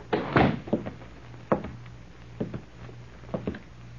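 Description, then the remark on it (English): A man closes a bank door behind him in Morriston. It swings shut with a solid thump and rattle, followed by several softer clunks spaced across the next few seconds, with no one speaking over a faint steady hum. “They exchanged nods, and apparently satisfied, the man closed the door.”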